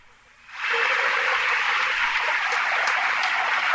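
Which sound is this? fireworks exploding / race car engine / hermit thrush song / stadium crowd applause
stadium crowd applause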